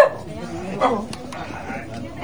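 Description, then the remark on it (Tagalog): A dog barks a couple of times, short harmonic yaps near the start and again a moment later, with faint background voices and clatter. “Uy, sorry, may aso baka.”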